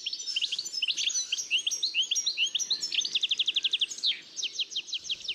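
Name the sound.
european goldfinch song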